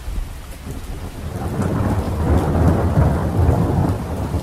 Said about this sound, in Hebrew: בעוד 8 דקות מגיע מבול רציני, הייתי מדווח להם באמצעות רשת הקשר הפנימית של הספינה, ומצחקק לעצמי ברשעות, כשבדיוק 8 דקות לאחר מכן היה שוטף את הסיפון גשם זלעפות, ומרטיב אותם עד התחתונות.